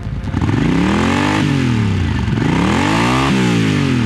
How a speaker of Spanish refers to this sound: Cuando tuve 18 años, mi hermano, dos amigos y yo decidimos dirigirnos al oeste en nuestras motocicletas y encontrar la libertad de la que leíamos en las revistas de motociclismo.